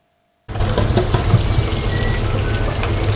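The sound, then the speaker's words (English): A steady, dense crackling hiss of chips frying in hot oil in the busy deep fryers of the Fryer's Delight chip shop in London at lunchtime starts abruptly after a brief silence and continues loudly and evenly, with scattered pops and spits throughout. “It's lunchtime at the Fryer's Delight. And the fryers are delightfully busy.”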